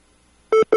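A mobile phone gives two short, clear electronic beeps in quick succession near the end, fairly loud, after a stretch of near silence.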